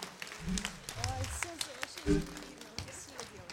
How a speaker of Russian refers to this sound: Тройные аплодисменты. Слов нет, дорогие друзья, сплошные овации.